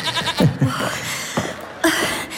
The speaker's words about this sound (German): Ich glaube, da kommt sie schon. Ja, man hört das Meckern der Ziege.